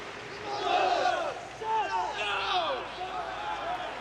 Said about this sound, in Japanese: 内外野いっぱいの観客から拍手が沸き起こりまして